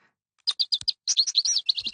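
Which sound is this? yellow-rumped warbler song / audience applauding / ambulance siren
yellow-rumped warbler song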